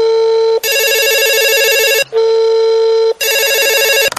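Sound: telephone ringing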